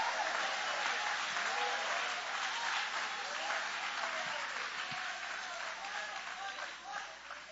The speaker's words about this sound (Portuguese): Pode aplaudir, pode adorar.